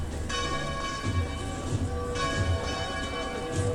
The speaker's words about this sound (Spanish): Vemos también cómo se escucha el replique de las campanas.